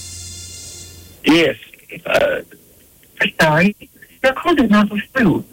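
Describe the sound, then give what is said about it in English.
A steady electronic line tone is followed by an automated recorded message saying a call did not go through, in short, clipped phrases, thin and band-limited over a phone line, clearly audible. “I believe the answering or something kicked in. You'll have to call back. We had a bad cell there, it sounded like.”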